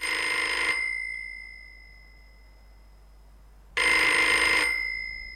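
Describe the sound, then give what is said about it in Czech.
A telephone rings in two bursts with a long pause between, a bright, loud bell-like trill with steady high tones that linger briefly after each ring. “Čekáte hovor, Holmesi?”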